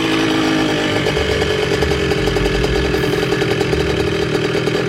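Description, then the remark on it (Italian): A large-displacement scooter carrying five riders does a wheelie along a tree-lined avenue leading to a ruined villa, its engine roaring steadily, a loud, rasping buzz with a throbbing mid-pitched drone and slight surges in revs, with no voices. “Un motorino di grossa cilindrata percorre impennando un viale alberato che conduce a una sinistra villa diroccata.”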